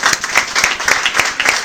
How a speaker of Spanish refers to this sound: ¡Wow! ¡Qué bendición! Otro aplauso al Señor.